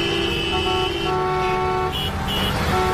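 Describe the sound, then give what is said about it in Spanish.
Cars honk repeatedly on the busy national road 501, full of cars returning to their towns in the afternoon, overlapping horn blasts sounding over a steady rumble of traffic, loud. “Pues esa misma carretera estaba esta tarde llena de coches volviendo a sus pueblos.”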